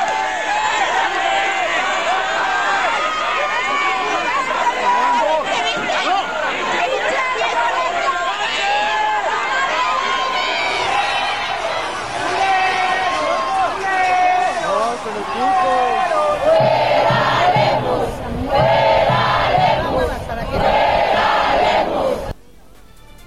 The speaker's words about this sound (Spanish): Así se escucharon las protestas en la calle. ¡Lemus, pendejo! ¡El agua es un derecho!